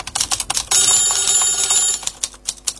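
A telephone rings in one steady, high metallic burst lasting just over a second, set among quick, irregular tapping clicks like typing before and after.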